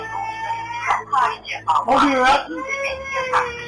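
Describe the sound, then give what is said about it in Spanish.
A person's voice mimics a small girl crying, with whimpering, wavering sobs rising and falling in pitch over a few seconds, close and fairly loud. “Empieza a llorar la niña, güey.”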